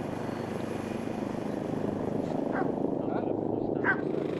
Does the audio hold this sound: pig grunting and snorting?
no